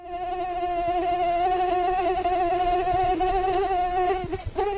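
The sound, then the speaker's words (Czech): A steady mosquito buzz drones for nearly five seconds, a thin, wavering whine that holds its pitch before briefly dipping and fading at the end. No one speaks. “Bz, bz, bz. 3, 2, 1. Komár.”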